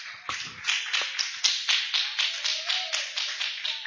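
A church audience claps hands together to welcome the servant of the Lord, in a steady, rhythmic beat, sharp bright bursts repeating about every quarter second with no voices over them.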